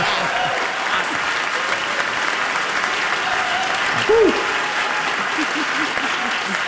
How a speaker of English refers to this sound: That one you're allowed to clap for, okay?